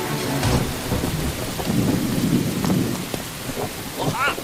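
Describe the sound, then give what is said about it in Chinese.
Heavy rain pours in a dense, steady hiss over a village at risk of flash floods, while low thunder rumbles and swells through the middle, with a few sharper cracks and splashes breaking through the downpour. “哎呀，不行，今天夜里雨会更大，随时可能爆发山洪，必须得走。”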